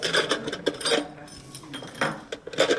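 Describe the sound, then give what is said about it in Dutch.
Metallic jingling and clinking of a key being handed over, in several irregular bursts with brief rustling between them. “Ik ga de sleutel geven, dus dit is een fantastische sleutel.”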